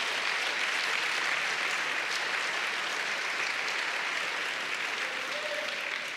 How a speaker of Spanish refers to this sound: Vamos, denle un aplauso al Señor si quiere aplaudir.